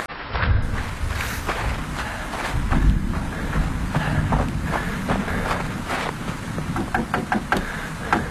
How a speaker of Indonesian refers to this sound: Aduh, siapa ya? Malam begini ngetuk pintu.